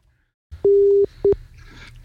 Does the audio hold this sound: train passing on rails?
no